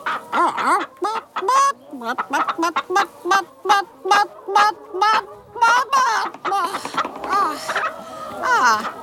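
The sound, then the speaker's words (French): A voice imitates a hen's clucking while laying an egg: a quick, steady run of short, nasal clucks, loud, swelling into drawn-out, strained cackles near the end. “Je ponds.”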